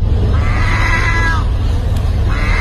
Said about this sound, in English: what sounds like a very sick or a very old cat, yes, is actually a seagull in Turkey